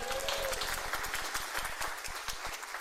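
A crowd applauds, a dense, steady wash of many hands clapping at once, with individual claps flickering through for about three seconds at an even loudness.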